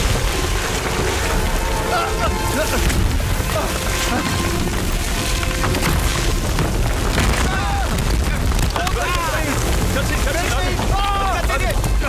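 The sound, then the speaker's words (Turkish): A gas line explodes in a loud, sustained roaring blast with deep rumbling and crackling debris noise, while frantic voices shout over the chaos near the end, urging people to flee. “Gaz hattında patlama var.”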